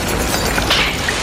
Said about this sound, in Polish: Wybuch kontrolowany.